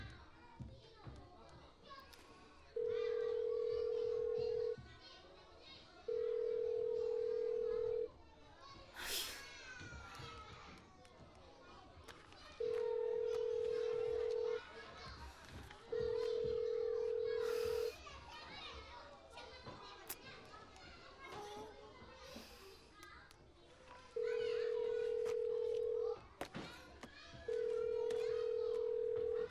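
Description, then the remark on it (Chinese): A phone ringback tone rings unanswered: steady mid-pitched tones about two seconds long, six of them grouped in pairs, over a background of children playing and chattering. “关键时刻这几个不靠谱的怎么都不接电话呀？”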